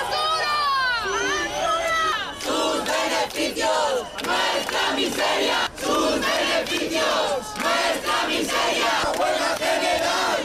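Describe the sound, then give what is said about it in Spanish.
A large protest crowd of thousands gathered in front of the Congress in Madrid, indignant over a vote, shouts and chants together, voices rising and falling in loud, overlapping bursts with a steady roar underneath, no single speaker standing out. “En Madrid, miles de personas han seguido por la mañana el pleno concentradas frente al Congreso, indignados con la votación.”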